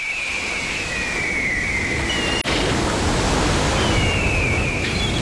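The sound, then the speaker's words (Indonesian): A steady, full-bodied roar of sea waves and a gentle afternoon seaside breeze fills the scene without pause, with faint thin whistling tones drifting above it and a momentary dip near the middle. “Deruman ombak, suasana angin petang sepoi-sepoi bahasa.”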